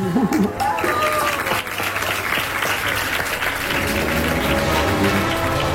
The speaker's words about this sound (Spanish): Ahí esos aplausos son porque, como hemos escuchado, se había puesto en pie con ayuda del exoesqueleto, había avanzado vestido de Spiderman, se había enfrentado a los malos, que eran de estos hinchables que les pegas y se vuelven a levantar.